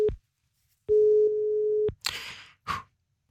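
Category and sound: signal or alarm, phone line ringing tone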